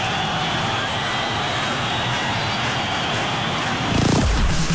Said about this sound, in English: The crowd's still going. You're wondering where the band is. Where's the band?